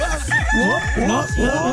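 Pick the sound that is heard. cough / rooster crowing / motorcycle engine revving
rooster crowing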